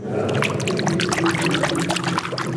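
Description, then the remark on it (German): Continuous splashing and sloshing of water, with irregular bright droplet sounds, as a hand reaches into the water standing on stone steps to give it some movement; no voices are heard. “Ja, deshalb müsste man ein klein wenig dran greifen, dass es etwas Bewegung hat.”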